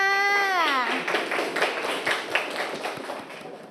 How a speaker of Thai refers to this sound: ปรบมือให้เพื่อนค่ะ